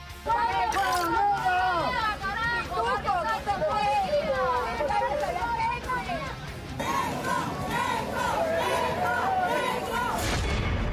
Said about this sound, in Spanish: Los dos votaron en el distrito de San Borja, aunque la llegada de Roberto Sánchez estuvo marcada por los abucheos y las pifias.